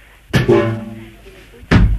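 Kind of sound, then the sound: household object, front door being opened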